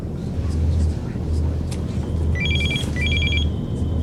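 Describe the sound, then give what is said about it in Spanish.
A phone rings twice in short electronic trills aboard an airplane, over a steady low engine-like rumble with faint background noise. “Nunca había visto este teléfono.”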